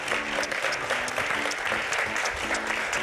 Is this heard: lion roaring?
no